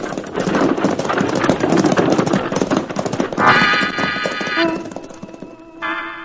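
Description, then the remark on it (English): A team of horses pulling a coach is sent galloping off toward the nearest town: a rumbling rush of hooves and rolling wheels, dense and steady, then a loud high whinny cuts in, fades, and a second whinny follows just before the end. “the Arbuckle Kid straightens up from his crouching position, slaps the near horse on the rump, and triggering his shotgun, sends the driver and his team off toward the nearest town in a cloud of dust.”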